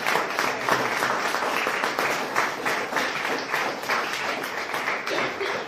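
Sustained applause from a parish audience for the men who helped make the parish hall possible. It is a dense steady wash of many hands clapping for several seconds at an even, moderately loud level.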